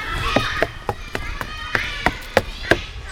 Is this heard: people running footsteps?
yes